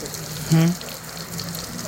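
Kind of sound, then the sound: nature, flowing water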